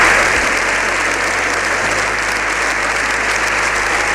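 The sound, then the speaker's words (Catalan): The Congress breaks into a unanimous standing ovation of about seven minutes for the Pope's speech: sustained, dense applause, thousands of overlapping claps forming a steady loud roar that holds at an even level throughout, with no voices standing out. “Este discurs del Papa l'ha aplaudit tot el Congrés, encara que amb algunes absències, de manera unànime.”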